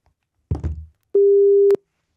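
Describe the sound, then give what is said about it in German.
A brief muffled clunk is followed by one clear, steady telephone ringing tone lasting over half a second, a single flat electronic beep with no talking, as a phone call is placed. “Können wir telefonieren?”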